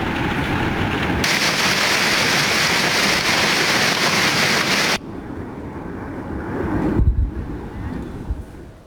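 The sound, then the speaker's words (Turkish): Hail pelts down hard in Kilis, arriving suddenly after rain and quickly turning the roads white, a dense, loud, continuous clatter. After a few seconds it drops to a softer, steadier wash of falling precipitation and gusting wind. “Kilis'te yağmurun ardından aniden bastıran dolu nedeniyle yollar kısa sürede beyaza bürüldü.”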